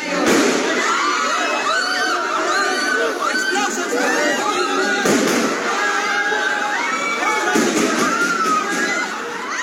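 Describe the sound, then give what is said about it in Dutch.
A loud, chaotic crowd of shouting voices fills an echoing hall at a parliament as police officers and soldiers come in, with a couple of sharp gunshot bangs cutting through the commotion. “In een hal bij het parlement zagen journalisten hoe agenten en militairen naar binnen kwamen en korte tijd later volgden er de schoten.”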